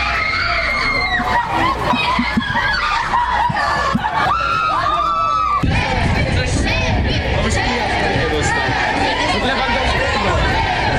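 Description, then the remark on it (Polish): A dense crowd of football fans in Wrocław, waiting for the Poland national team and captain Robert Lewandowski at the start of a training camp before friendlies with Ukraine and Nigeria, chatters and shouts over one another, with excited high-pitched screams and cheers rising above the steady, loud hubbub. “Na biało-czerwonych czekał tłum kibiców, a największe emocje wzbudzał oczywiście nasz kapitan Robert Lewandowski.”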